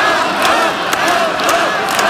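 A loud, continuous crowd roar with overlapping shouting voices, punctuated by brief sharp bursts that could be whistles or claps. An audience at a public hearing in Slovakia on a government plan for wind energy zones reacts with applause, whistling and loud disapproval, interrupting questions to experts.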